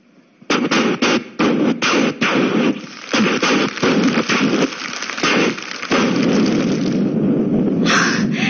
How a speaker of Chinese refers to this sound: 你听，迎亲的鞭炮点燃呐、啊！